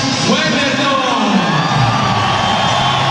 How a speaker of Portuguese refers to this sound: Bacana, bem aplaudido o nosso goleiraço.